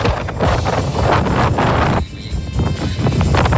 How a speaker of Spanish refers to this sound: Este es el audio del video de Coyhaique, del viento.